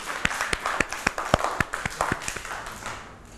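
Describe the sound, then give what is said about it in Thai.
Children clap for themselves at their teacher's request after a class activity, in a steady, even rhythm, about ten crisp claps, each sharp and distinct, before the clapping trails off into quiet. “วันนี้นะคะเด็กๆตั้งใจทำกิจกรรมกันมากเลยค่ะเก่งมากค่ะปรบมือให้ตัวเองด้วยค่ะ”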